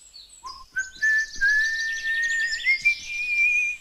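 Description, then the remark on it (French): A person walking away into the rising fog whistles a long, steady note that slowly glides upward, with a short lower whistle just before it, while busy bird chirps twitter in the background. No one speaks. “Puis il s'en alla en sifflant dans le brouillard qui se levait.”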